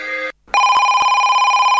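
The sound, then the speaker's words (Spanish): A telephone rings loudly, a steady electronic trill with strong harmonic tones, starting after a brief pause and continuing unbroken with no voices. “coge el teléfono”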